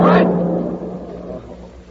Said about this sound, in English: Here come a flock of cars.